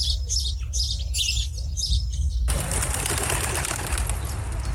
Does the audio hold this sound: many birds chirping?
yes